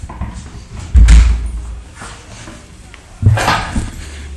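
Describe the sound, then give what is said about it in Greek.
An open door is pushed shut with a heavy thud, followed a couple of seconds later by a second solid knock. Both sounds are fairly loud, with faint background noise in between. “Νομίζω είναι ανοιχτή πόρτα. Ναι, ένα λεπτό.”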